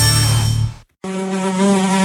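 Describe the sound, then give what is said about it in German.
A fly buzzes loudly, its whining drone cutting out for a split second before resuming steadily, with no voices present; a fly in a Seat car, heard in a radio advertisement for Seat bodywork and paint repair specialists. “Eine Fliege in deinem Seat ist wie ein Kratzer, Steinschlag, eine Delle oder ein Hagelschaden auf deinem Seat.”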